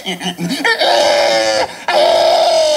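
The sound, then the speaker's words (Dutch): A person imitates a pig: a few short grunts, then two long, loud, piercing squeals separated by a brief gap, sounding intense. This is the winning imitation at the first world championship of pig-sound imitation, held in Estonia. “Nee, maar in Estland werd voor het eerst een wereldkampioenschap varkensgeluiden imiteren georganiseerd”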